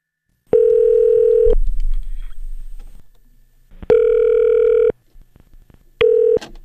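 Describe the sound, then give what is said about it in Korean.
A telephone ringback tone sounds in three steady, loud bursts, about a second each with gaps between, the last one cut short, as a Far East Broadcasting radio producer calls a listener; a soft low rumble fills the pauses and no one speaks. “자, 이 시간에 예전에 저하고 통화가 된 분인데 교회를 갔다는 소식을 제가 접해서 이분 한번 전화 한번 해보겠습니다.”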